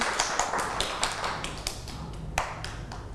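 A group of children clap together in a quick, uneven patter of sharp, bright claps that continues steadily for a few seconds, with no talking over it.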